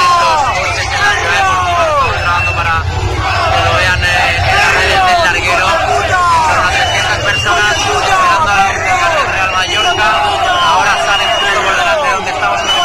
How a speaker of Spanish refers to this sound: sonaba así con alrededor de 300 personas esperando a los jugadores, ¿eh?